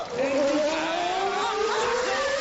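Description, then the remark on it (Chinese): A car engine revs loudly and steadily as the learner driver presses the accelerator during a driving lesson, its pitch climbing smoothly over a couple of seconds as it accelerates, with no one talking. “踩油门。”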